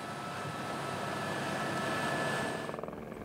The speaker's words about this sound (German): Doch nach kurzer Zeit sieht das Wetter wieder etwas freundlicher aus. Der Helikopter kann die frischen Lebensmittel zur Fjellstation bringen.